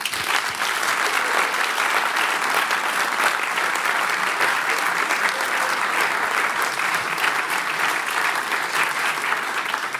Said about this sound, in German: Bitte Applaus.